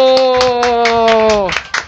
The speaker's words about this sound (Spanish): ¡Un aplauso!